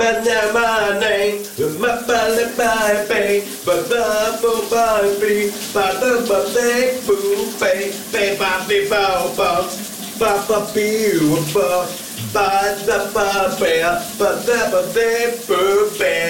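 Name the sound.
shower water running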